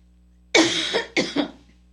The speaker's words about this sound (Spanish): Perdónenme si sigo tosiendo, pero Dios me ayude.